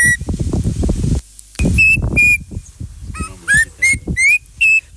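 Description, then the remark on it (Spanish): A bird call with repeated bright whistled notes, several short rising chirps in quick succession, loud, over a low rumbling background. “A ver, ponga el pájaro, a ver, ponga el pájaro.”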